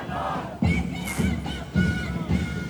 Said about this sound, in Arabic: العاصمة الألمانية برلين نظمت مظاهرة حاشدة نظمها متضامنون مع فلسطين للتنديد بالعدوان الإسرائيلي على غزة ولبنان. ورفع المتظاهرون الأعلام الفلسطينية واللبنانية ولافتات تطالب بوقف الإبادة الجماعية في قطاع غزة، كما رددوا هتافات مناهضة للاحتلال الإسرائيلي.